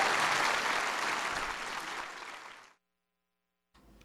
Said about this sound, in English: Give your president a big round of applause. There he is.